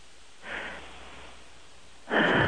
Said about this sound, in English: I don't think we've ever had a chick fall asleep that we could hear. No. Because if she were 4 inches away from the phone, we wouldn't hear this. It's hard to get somebody to breathe right into the phone asleep.